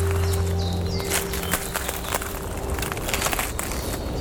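Footsteps crunch over dry twigs and branches in a conifer undergrowth, each step bringing a burst of sharp snaps and crackles at an uneven pace, with a steady low hum running underneath.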